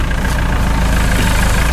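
A truck engine idles, a steady low rumble with a faint rhythmic throb that holds at an even volume throughout, with no voices.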